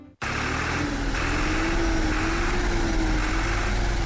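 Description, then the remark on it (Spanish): A tractor engine runs steadily and loudly, a continuous rumbling drone with a droning hum that wavers slightly, starting abruptly after a brief moment of silence. The tractor is working; it was received by farming families in Pichincha and Imbabura through a government project. No voices. “Señor presidente, aquí está el tractor que usted nos dio. Está trabajando y con toda nuestra gente.”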